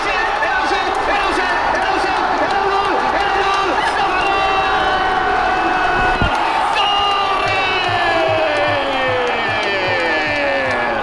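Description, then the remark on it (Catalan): A dense crowd of football fans roars and cheers continuously during a match against Argentina, with overlapping shouts and whoops rising and falling in a loud, steady wall of celebration. “celebració alliberadora amb l'expulsió d'Enzo, desmesurada però interrompida, puda amb el gol anul·lat a Nico i explosió amb el gol vàlid de Ferran Torres.”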